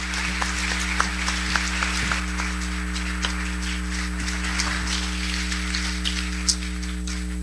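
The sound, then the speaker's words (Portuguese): A church audience claps steadily for several seconds in praise of the Lord for their pastor, before the celebration of the Lord's Supper: a dense wash of many hands with a few sharper claps standing out, over a constant low electrical hum and no voices. “E para isso vamos louvar ao Senhor com uma linda salva de palmas pela vida da nossa pastora”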